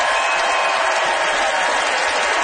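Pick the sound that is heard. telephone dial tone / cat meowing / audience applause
audience applause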